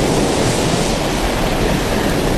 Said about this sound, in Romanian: Ascultă valurile.